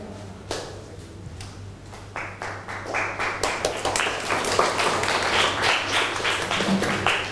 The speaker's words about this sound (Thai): ขอเสียงปรบมือให้ตัวแทนนักเรียนค่ะ